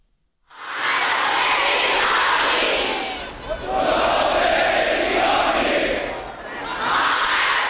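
A large crowd roars and chants "revenge, revenge" in unison amid chest beating, a dense wall of many voices rising and falling in waves, loud, with no single voice standing out.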